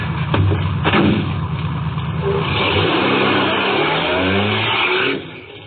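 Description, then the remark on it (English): A car engine revs loudly and pulls away after picking up a hitchhiker bound for Amarillo, Texas, its rumbling pitch climbing steadily for several seconds before cutting off abruptly near the end. No one speaks. “I'll drive you there.”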